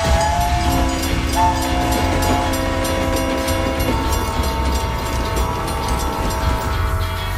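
A train rumbles steadily along the rails, loud, while a sustained horn blares over the rolling noise for several seconds before fading, leaving the continuous clatter of the moving cars.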